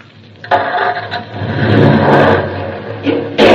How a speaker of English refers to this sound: All I'm going to do is start the car. Now, the starter.